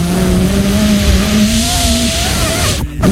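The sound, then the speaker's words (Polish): Steady breathy blowing of air as a woman blows on herself to cool down while sitting in a bus without air conditioning, a continuous hiss over the low drone of the bus engine, with a brief break just before the end; no one talks. “Tak na siebie właśnie dmucha …, która siedzi w autobusie bez klimatyzacji”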